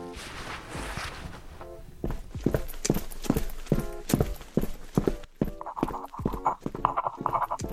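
Steady hard-soled footsteps click on a firm surface in an even rhythm, growing louder as they draw near, with a faint tonal hum rising behind them toward the end.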